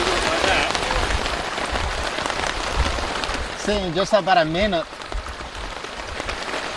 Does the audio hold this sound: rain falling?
yes